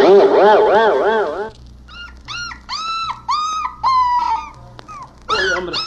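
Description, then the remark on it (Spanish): A kicking, thrashing, expensive-looking dog lets out a wavering, warbling howl, then a string of short, high-pitched whimpers and whines in quick succession, fairly loud over a low background rumble. “El pobre perro como que va a patear los nacos porque ya está pataleando, mire.”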